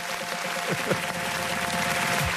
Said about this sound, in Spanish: ¡Fuerte el aplauso para las 5 chidas!